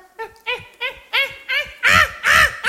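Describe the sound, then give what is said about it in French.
A man's voice imitates caveman grunting: about seven short, guttural vocal bursts in a steady rhythm, growing louder toward the end. “Les hommes des cavernes communiquaient par grognement.”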